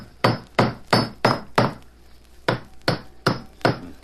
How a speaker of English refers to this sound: All right, I'll put the floorboard back in place now. Hammer these nails in, and that'll be sound again.